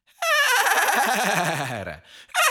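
horse neighing

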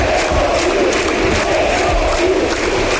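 stadium crowd cheering

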